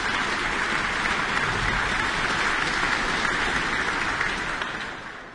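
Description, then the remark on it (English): Sustained applause from a concert audience for the concertmaster, Vesa Matti Leppänen, a dense, even wash of many hands clapping that holds steady throughout and starts to taper off in the final second, with no voices. “That applause for tonight's concertmaster Vesa Matti Leppänen.”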